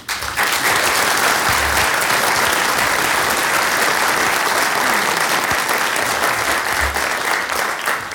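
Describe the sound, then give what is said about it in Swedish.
A large audience claps steadily, a dense, even wash of applause that holds at full strength for about eight seconds with no voices rising above it, given to the officials and support staff who helped run the meetings. “Och så faktiskt en stor applåd till er.”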